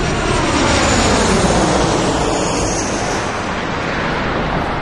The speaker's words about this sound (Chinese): 飞机降落在贡嘎机场了，除了机场，我们又坐了一个多小时的汽车，来到了乃东。